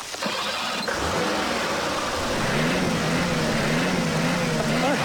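A car stuck in mud cranks and churns loudly and continuously for several seconds as someone tries again to start it, its pitch wavering and rising without catching into a smooth steady run.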